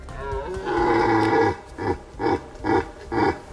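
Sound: red deer stag roaring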